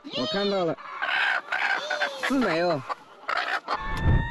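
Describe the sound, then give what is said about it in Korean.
An especially aggressive chicken clucks and squawks as its eggs are collected, several loud, agitated calls rising and falling in pitch, separated by short pauses, with a brief rustling burst at the end. “하루에 여러 번 줍는 일을 반복하다 보니 일이 익숙하지만 유독 공격적인 닭이 출현할 때는 좀 힘들다네요.”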